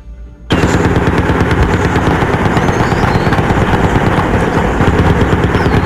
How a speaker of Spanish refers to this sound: se registran desde esta mañana muy cerca del corregimiento de Tenerife, que está ubicado en una zona montañosa entre los municipios de Palmira y el Cerrito Valle del Cauca. Campesinos de la zona reportan disparos y explosiones desde muy temprano.